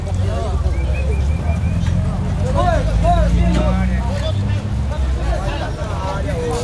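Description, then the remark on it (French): A dense crowd chatters all at once at the bustling Vers au peso port market, many voices overlapping, while a steady low engine rumble from fishing boats pushing through the crowd of docked vessels drones underneath throughout. “Vers au peso grouille de monde. Les bateaux de pêche tentent de se frayer un passage à travers l'entassement de vaisseaux déjà à quai.”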